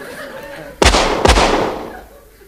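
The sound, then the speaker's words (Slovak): Two loud gunshots, fired at a hare in a field, sound about half a second apart, each a sharp crack followed by a ringing, echoing decay that slowly fades, with a faint murmur of background sound underneath. “Asi nepočul, že to strieľate do neho, pane.”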